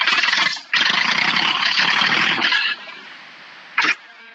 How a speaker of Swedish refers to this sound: Men jag vet inte om det hörs i radio, men jag skulle starta traktorn för jag sitter nu. Jag är på väg.